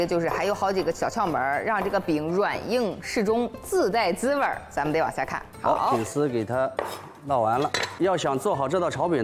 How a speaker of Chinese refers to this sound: 大家看啊，饼已经上色了，也已经熟了啊。进行一个切制啊，切成丝儿。